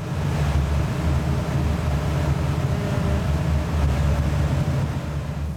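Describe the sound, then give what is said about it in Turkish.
An engine with a newly fitted exhaust system idles while warming up before an emissions check with a gas analyzer, a deep, constant rumble and low droning hum, fairly loud, holding an even pace throughout with no voices. “Motora ısınması için biraz zaman veriyorum.”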